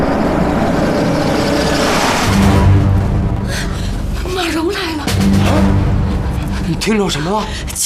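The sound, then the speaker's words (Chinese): A car engine rumbles low and steady, swelling slightly as it approaches, while people speak over it in raised, agitated voices; it is the only car in the county town. “汽车声，肯定是马蓉来了，快跑！”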